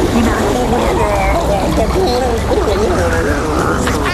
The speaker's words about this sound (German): Und gegurgelt wird auch noch.